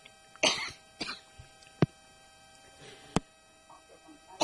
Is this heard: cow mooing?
no